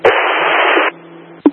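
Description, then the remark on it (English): A loud burst of static on a rescue-service radio hisses for almost a second, drops to a faint crackle, then a short click snaps near the end. “Complete static.”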